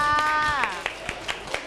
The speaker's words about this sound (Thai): โอ้โหเยี่ยมมากเลยค่ะปรบมือให้เพื่อนค่ะ